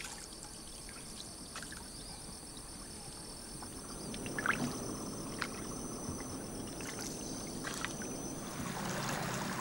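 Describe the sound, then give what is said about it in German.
Quiet water sounds as fishermen from the village of Gablogan on Bali set their nets from a small boat on a river, with gentle splashes, trickles and occasional knocks, set against a steady outdoor hiss and a faint high insect drone. “Fischer aus dem Dorf Gablogan bringen am Fluss ihre Netze aus.”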